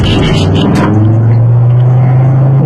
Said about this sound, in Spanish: El sonido del motor es una belleza. Qué buena forma de celebrar los 50 años del motor de 5 cilindros turbo.